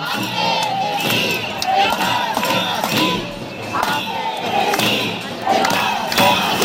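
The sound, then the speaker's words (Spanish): A large crowd of protesting teachers chants and shouts slogans in unison in central Alicante, voices rising and falling in rhythmic bursts, with scattered cheers and thuds in a loud, busy outdoor setting. “Sí, y a sus gritos reivindicativos ya conocidos por todos se suma ahora el de Ampe, Cesif, Encar, Estemasí”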